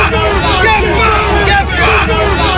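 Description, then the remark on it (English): Hundreds of anti-migrant protesters gathered in Gosport mill together in a steady, dense hubbub of overlapping voices, loud and continuous with no single speaker standing out. “This is the sound of hundreds of protesters gathered in Gosport just 1 month ago.”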